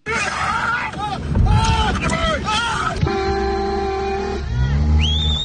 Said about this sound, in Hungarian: Kiabálással és tülköléssel próbálják elzavarni az anyamedvét, amely rátámadt egy autóban ülő emberre. Az egyik hírtelevízió felvétele bejárta az internetet az utóbbi napokban Romániában.